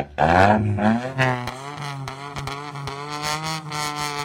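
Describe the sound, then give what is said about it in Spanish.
A rally car engine revs hard at the start point of a rally in Lima, its pitch climbing and dropping with sharp pops and crackles between throttle blips, with no voices present. “Ahí suenan los motores, coche a la vista.”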